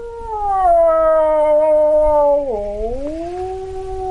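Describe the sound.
A male wildlife expert imitates a typical wolf howl with his voice in his home, a traditional hut in a remote Ukrainian village on the edge of the Polesia Nature Reserve near the Belarusian border: a long sustained tonal wail that holds steady, dips sharply, then rises again, fairly loud, with a faint background hum.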